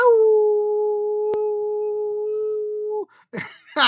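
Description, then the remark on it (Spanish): A person howls like a wolf: one long, steady, loud howl held for about three seconds, then cut off and followed by a couple of short vocal bursts. “Un saludo igual junto con un aullido a todos, tanto madrugadores como desvelados.”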